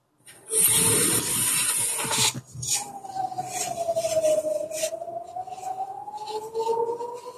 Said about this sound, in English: Can you hear that? We can hear that. These are the sirens, basically warning the Israelis that there are some rockets coming